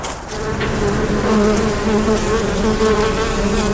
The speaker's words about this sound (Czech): Včely vedle včelína létají i dnes.